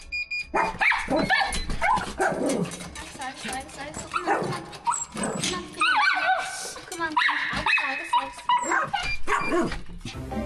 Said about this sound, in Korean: 너무 시끄러워가지고 이제 좀 그랬나 보다 해가지고 제발 조용히 해 하는데도 계속 저렇게 짖어요. 5분만 집을 비워도 시끄럽게 짖어대는 강아지들 때문에 보호자 혼자서는 나갈 수가 없다는데요.